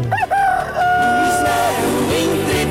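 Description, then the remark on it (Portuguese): A rooster lets out one loud, drawn-out crow, rising and then holding a long strained note, set against a dense, steady layer of background sound. “E se o galo já cantou?”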